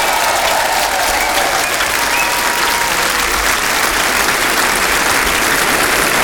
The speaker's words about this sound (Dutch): Geef maar een applaus, orkest van ….